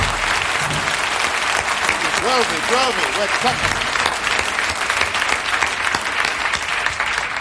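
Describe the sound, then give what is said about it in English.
Steady, dense applause from a large audience for the standing members of an orchestra fills the whole stretch, loud, while a man's voice speaks briefly over the clapping. “I would like to have stand and take a well-deserved round of applause.”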